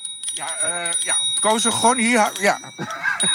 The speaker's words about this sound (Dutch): zijn aan het klieren met hun fietsbel.